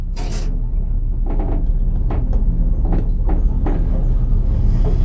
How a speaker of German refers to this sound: Auf einmal, mit einem festen Ruck, geht die Tür vom Lift zu. Und er setzt sich in Bewegung. Abwärts.